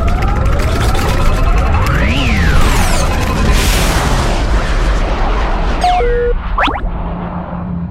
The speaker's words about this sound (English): We're going to crash on the planet. It's okay. I've done this plenty of times before, and I've crashed less than half of those times.